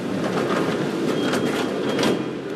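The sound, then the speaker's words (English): A Mexico City subway train rumbles steadily, a dense wash of rolling, hissing noise with faint metallic squeals throughout and no voices. “who's waiting for the next train with her 5-year-old son”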